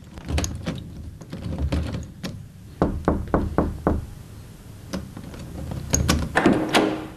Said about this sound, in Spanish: No podía entrar. Usted echó llave a la puerta. ¿Cómo entraste entonces? Yo toqué y usted quitó la llave y abrió la puerta.